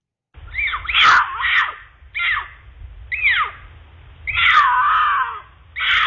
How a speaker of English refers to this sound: here's the mating call of a mountain lion